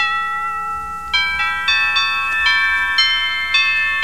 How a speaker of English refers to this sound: This is doorbell.